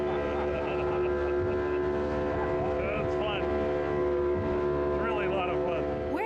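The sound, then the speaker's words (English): A small, crowded motorboat carrying a snorkeling group to Bacardi Island drones steadily at speed, loud, with rushing water and spray and a constant harmonic hum throughout, while faint voices murmur underneath. “This small boat shows up, we all cram in and take off.”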